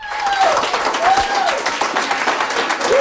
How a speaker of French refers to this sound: Le tonnerre d'applaudissements que Claude Bourgeois a fait son entrée triomphante au Harbour Restaurant and Bar à Chéticamp.